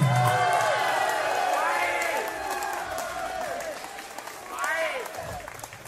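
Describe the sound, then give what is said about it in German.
A large audience applauds steadily for several seconds, dense clapping filling the room, with scattered shouts and whoops from the crowd rising over it before it begins to thin. “Applaus und wollte Hände.”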